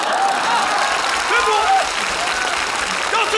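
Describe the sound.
A crowd applauds steadily, a dense wash of clapping that keeps an even level throughout, with a few voices calling out over it.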